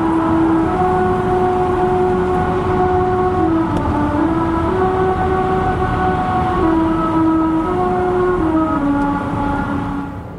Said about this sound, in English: And this is a singing road. The song is made by car tires passing over grooves cut into the road. It's kind of like a rumble strip on the side of the highway, but more melodic.